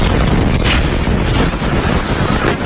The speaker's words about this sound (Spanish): Este era el momento de la explosión, cuyas causas todavía se desconocen. Lo que sí confirma la policía es que ha ocurrido en un sector de la base destinado a entrenamiento y a reparación de armas.